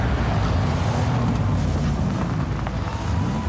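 A vehicle engine rumbles steadily as the car drives on a road, a deep droning hum with a constant rush of road and wind noise and no pauses or speech.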